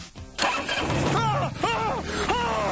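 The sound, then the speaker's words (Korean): A car engine is started by pressing the start button while holding the brake; it cranks and catches with a sudden loud burst, then runs and revs up and down in a few swelling pulses, with no one speaking. “이걸 누르면 시동이 걸리는 거예요.”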